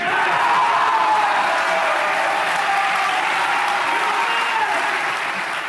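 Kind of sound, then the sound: crowd, crowd cheering and applauding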